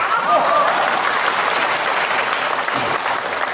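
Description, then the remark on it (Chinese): An audience at a xiangsheng (Chinese crosstalk comedy) performance claps at a performer's slogan-like line in a steady, dense burst of applause that holds a strong, even level throughout, with no one speaking over it. “怎么喊口号您还鼓掌？”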